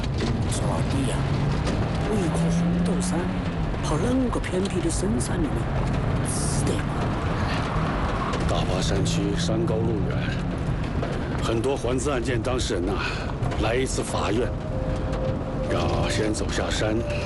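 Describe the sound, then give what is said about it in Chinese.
A car engine, just started on a mountain road after stones were placed to support it, rumbles steadily and loudly with a low, rough mechanical drone, while voices talk over the noise. “哎，发动了，发动了。”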